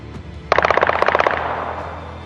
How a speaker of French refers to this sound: Le vendredi, lorsque les horloges indiquaient 21h30, des coups de feu ont retenti dans le quartier général de l'état-major des armées à Ankara, la capitale.